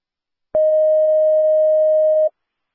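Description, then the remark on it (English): A fire dispatch alert tone, sounded as dispatch tones out a call sending Engine 2 to a smoke alarm at 915 Southwest Roosevelt Avenue: one loud, steady, mid-pitched beep holding for nearly two seconds before cutting off abruptly, with no voices over it. “Stand by for a second. I have a call to tone out.”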